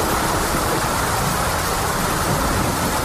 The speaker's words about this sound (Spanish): Fenómenos meteorológicos, como la alerta naranja por lluvias que ha llegado con fuerza en las últimas horas a Milagro.